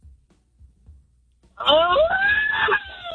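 After a second and a half of near silence, a birthday person lets out a loud, sustained scream with a rising, strained pitch that holds for about a second before trailing off.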